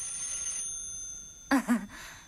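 A telephone set with its receiver on a cradle rings with a thin, steady high-pitched electronic tone at moderate volume, then two short, louder warbling bursts follow near the end.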